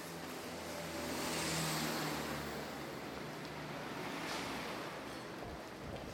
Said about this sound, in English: Then we can hear that there's traffic on the streets.